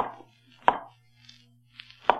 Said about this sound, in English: We saw a white-haired man sitting on a low bench, stooping forward. Very busy, making shoes.